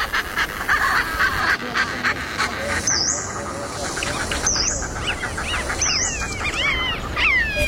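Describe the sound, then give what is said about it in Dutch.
A dense chorus of many different migratory birds calling at once, including a nutcracker, a Richard's pipit and a black-headed gull, with honking, quacking waterfowl and sharp rising whistles and chirps layered over a constant busy background of chatter. “Dat al die vogels bij elkaar zijn in verschillende trekvogels.”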